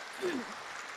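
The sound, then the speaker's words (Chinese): Steady, noisy clapping from an audience at a show in Jinjiang, encouraging a volunteer from the audience to come up and sing with the performer, with a brief voiced call rising over it near the start. “大家用最这个热情的掌声来鼓励他一下啊！”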